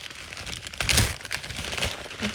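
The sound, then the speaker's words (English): Paper crinkles and rustles in quick, irregular bursts as gifts are wrapped in the basement of a house at night, with a louder crackling flurry near the middle and softer crumpling throughout. No one speaks. “these nincompoops are rapping my gifts”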